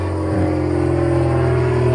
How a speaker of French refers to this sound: Des bruits d'avion, si vous... Il y a un aéroport par ici? Oui, il y a un petit aéroport à La Môle, dans un des plus beaux endroits du coin, qui appartenait à la famille Saint-Exupéry, donc ils ont permis de faire un petit aéroport pour les riches